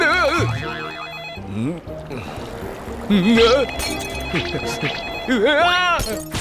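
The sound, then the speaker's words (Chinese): A telephone rings with a loud, melodic ringtone of warbling, sliding tones that repeat in bursts over several seconds, mixed with busy voice-like sounds. “是谁呀？在这个时候打电话？”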